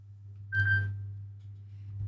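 A single short electronic telephone ring sounds once, a bright steady tone lasting under a second, then fades over a low constant hum with no voices.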